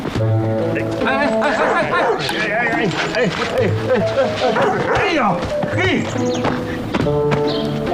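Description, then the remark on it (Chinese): A big black dog barks repeatedly and loudly, its gruff barks running through a busy, dense mix of other sounds and voices. “我家大黑狗急眼，掏你一块肉，你可别怪俺。”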